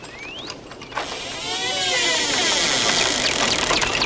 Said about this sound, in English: Sam stares at the bizarre garden as a shed door squeaks open.